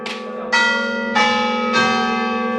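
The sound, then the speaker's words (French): Church bells of a large basilica ring out in a steady series of loud, resonant strikes, about four in under three seconds, each leaving a long shimmering hum that overlaps the next; no voices. “La fin de la visite offre une vue panoramique sur la région, bercée au son des cloches.”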